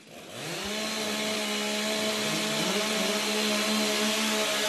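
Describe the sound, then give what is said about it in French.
Two chainsaw engines are started at a chainsaw competition and rev up within the first half-second, then keep running loud, their steady droning tones overlapping with a slight wavering beat. No voices. “Allez, les deux tronçonneuses sont démarrées.”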